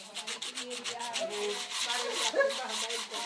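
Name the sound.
knives being sharpened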